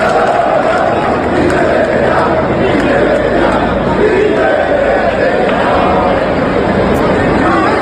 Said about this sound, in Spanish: Estos gritos de Peter Betellá, de estos gritos de indignación, pues tenemos la memoria llena